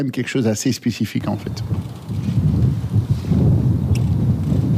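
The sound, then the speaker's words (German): A voice speaks briefly at the start, then strong wind takes over at a former Formula 1 race circuit near Zolder, about 45 km west of Maastricht, roaring and buffeting the microphone with a loud, continuous low rumble that grows heavier toward the end. “Der Wind bläst heftig auf dem früheren Formel-1-Rennkurs bei Solda, das gut 45 Kilometer westlich von Maastricht entfernt liegt.”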